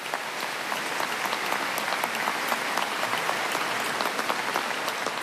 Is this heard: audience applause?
yes